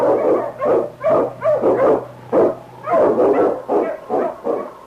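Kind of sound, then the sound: animal, sled dog barking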